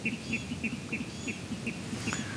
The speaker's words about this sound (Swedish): Men det är inte alla fåglar som har en ljuv stämma. I alla fall inte vattendrallarna när de hävdar revir, enligt programledare Mats Ottosson.